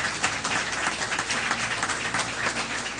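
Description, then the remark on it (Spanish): An audience in a church applauds steadily, many hands clapping in a dense, continuous burst at a fairly loud, even level with no speech over it. “Dale un aplauso al Rey de Reyes y señores y señores.”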